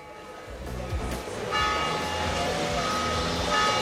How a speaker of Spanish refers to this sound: Son las campanadas que marcan que son las 11 de la mañana, como la tradición marcaba.